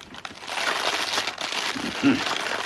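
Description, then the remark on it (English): Eggs sizzle in fat in a hot frying pan, a steady, bright hiss full of fine crackling pops that holds for the whole stretch, with a brief voice murmuring toward the end. “Nice sizzle.”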